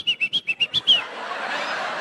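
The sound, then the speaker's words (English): A person whistles a quick call of seven short, shrill notes in an even rhythm, loud, then the whistling stops and a broad wash of noise takes over. “They could communicate to one another like the Mayans simply by whistling like, Maria!”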